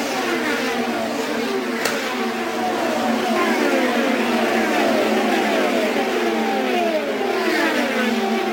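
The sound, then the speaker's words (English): Race car engines roar steadily at high pitch, multiple overlapping tones sweeping downward as the field of cars speeds down the front straightaway one after another, with Rossi's Napa car in the lead, loud and continuous throughout. “Moving down the front straightaway, the Napa machine of Rossi is in the lead.”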